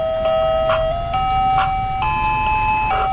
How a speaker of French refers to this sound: Oui, alors le camion à glace est très marquant, surtout de l'été à Détroit. Peu importe le quartier où vous êtes, à partir de 5h l'après-midi et jusqu'à 8h, vous entendrez ce petit camion à glace qui est souvent assez vétuste